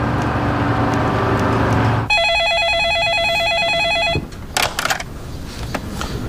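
A telephone rings with one warbling, trilling electronic burst lasting about two seconds, loud and steady, after a stretch of low rumbling noise. A few clicks and soft clatters follow.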